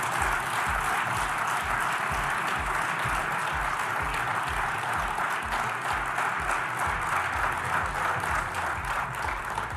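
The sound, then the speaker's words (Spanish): Sustained applause from a large crowd as the president announces lowering export duties on wheat and barley, a dense steady wash of clapping with rhythmic low thumps running underneath, loud and continuous for the whole stretch without any voices. “Bueno, ahí están los aplausos no cerrados, ¿no?”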